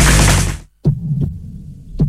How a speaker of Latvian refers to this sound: Dzirdi savu sirdi.